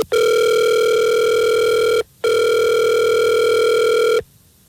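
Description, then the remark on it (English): A loud outgoing phone ringback tone on a call placed from the Fred Show, a morning radio show: two long steady electronic rings of about two seconds each with a short gap between, clear with no talking. “see if we can get her on the phone and figure this out.”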